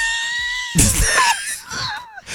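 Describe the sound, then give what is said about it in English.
A loud scream of pain from a paper cut bursts out suddenly and wavers in pitch for a second or two, raw and strained, with no talking around it. “I almost fell off of my chair because you just screamed so loud it scared me.”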